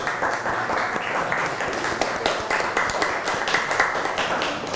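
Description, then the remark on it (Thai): A group of students in a class clap for themselves in a steady, dense patter of many quick hand claps, sustained evenly for several seconds with no speech over it. “เก่งมากเลยปรบมือให้ตัวเองก่อน”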